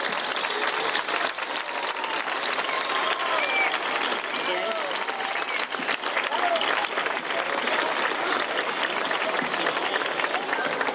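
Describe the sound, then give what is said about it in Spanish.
A large audience applauds steadily, welcoming the herald (pregonero) of the Real Feria y Fiestas de San Agustín 2026 in Linares: dense and loud clapping that holds at an even level for the whole stretch, with scattered voices and cheers mixed into the roar. “Así que ya no me queda nada más que decir, linarenses, amigos, amigas, y todos los que hoy nos acompañáis, recibimos con un enorme aplauso al pregonero de la Real Feria y Fiestas de San Agustín 2026.”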